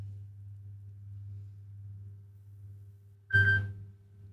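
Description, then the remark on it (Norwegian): A steady low hum runs throughout, then near the end a single short, bright electronic telephone ring bursts out loudly for a fraction of a second before cutting off. “Det ringer, det ringer.”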